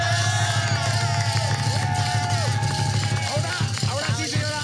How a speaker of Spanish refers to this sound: pero también denle un aplauso a Paola.